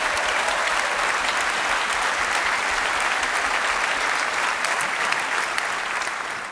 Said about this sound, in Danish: Giv ham bare lige et ekstra bifald.